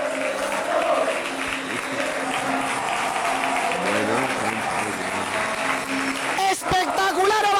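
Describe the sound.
A large football stadium crowd gives a loud, sustained ovation to the Alcoyano players at the end of the season, steady applause and cheering throughout, with fans singing the club anthem in unison a cappella, scarves in the air, midway, and a sharp burst of noise near the end.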